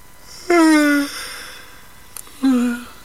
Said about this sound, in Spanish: Luego, Aladino bostezó.